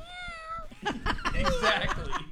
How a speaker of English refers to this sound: That's right, and you meow too. You agree, see? A cat will always agree.